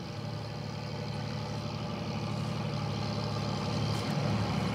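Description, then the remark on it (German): The engines of about a dozen fishing boats idle and run in a steady, continuous low rumble with a throbbing mid-range drone, holding level throughout with a slight swell near the end, as the boats head out at night to haul in squid nets fixed near the coast; no voices. “Ein knappes Dutzend Boote fährt aus, um die Netze, die nahe der Küste fixiert sind, einzuholen.”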